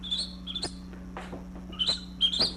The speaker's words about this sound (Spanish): Ah, papo, mano, aquí solo grillos se oyen, vea.